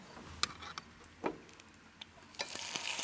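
apples frying in oil

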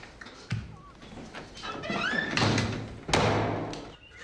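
door being closed

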